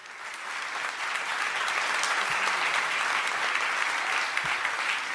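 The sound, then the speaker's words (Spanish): A large audience claps steadily for about five seconds at a Lotería Nacional ceremony, a dense, even roar of applause that swells quickly and holds at a strong level with no voices over it. “Un fuerte aplauso, por favor.”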